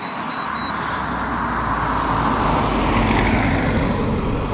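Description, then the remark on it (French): A single car drives past on the road, its steady tire and engine roar swelling slightly as it approaches, with no voices present. “Attention, voiture.”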